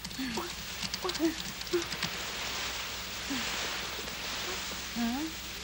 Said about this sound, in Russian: Ой, дождик пошел.